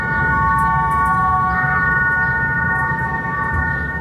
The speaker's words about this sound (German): Für seine Masterarbeit der Hochschule für Künste zu Bern hat er den historischen Mattenlift in der Stadt Bern in eine Klanginstallation verwandelt.